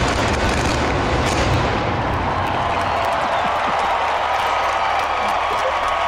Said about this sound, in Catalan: Fent gairebé el mateix moviment de les torres en forma de coets i il·luminant a batzegades. Surten des de dins mateix, de la Sagrada Família. Sí. I aquest és el so... el joc pirotècnic. De la pirotècnica.